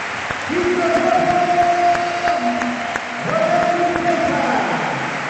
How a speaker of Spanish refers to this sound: Cambios. Pues se va Miguel Román, vamos a escuchar la ovación de Balaídos, vaya partido del de Gondomar, que lo he dicho bien. Merecido.